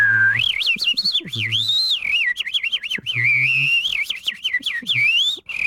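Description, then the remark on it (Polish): A person whistles loud in imitation of skylark song, a continuous stream of rapid warbling trills and quick up-and-down glides lasting several seconds, with no talking. “O, to poproszę o skowronka.”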